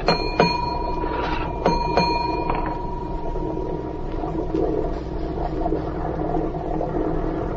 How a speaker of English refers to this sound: Give the order to the engine room, or I'll use this gun. And don't try any tricks. I know engine room signals.